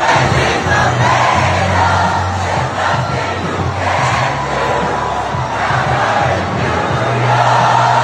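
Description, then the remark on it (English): A large crowd outdoors in a neighborhood yells and cheers continuously, with bursts of chanting or singing rising above the loud, dense roar of many voices throughout. “That is, people were yelling and cheering and singing, and God, it was just such collective joy this weekend.”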